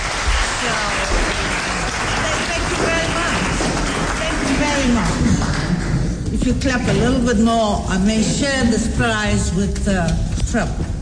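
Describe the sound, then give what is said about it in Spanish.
Steady, dense clapping from a crowd for Nobel Peace Prize winner Navi Pillay fills the whole stretch, a loud hissing patter that never lets up, while a voice speaks over it throughout. “Si usted aplaude, si siguen aplaudiendo, voy a compartir este premio con Donald Trump.”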